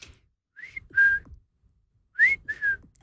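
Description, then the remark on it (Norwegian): A golfer whistles a clear two-note phrase in place of shouting 'fore' before hitting a ball, a higher note dropping to a lower one, then repeats the same pair after a short pause. The whistling is alone, with no talking. “Men så var det denne spilleren da, som plystret to toner i stedet.”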